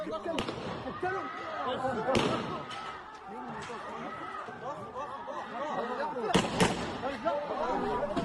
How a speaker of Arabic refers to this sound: الشجارات العائلية في بلدة عرعر النقب لا تأبى التوقف، وآخرها شجار بين عائلتين تطور إلى تبادل إطلاق النار في مشهد وثقها أحد سكان البلدة.